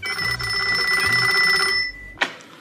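A telephone bell rings loudly, one steady metallic trill lasting nearly two seconds. It stops abruptly, followed by a single sharp click, like a receiver being picked up.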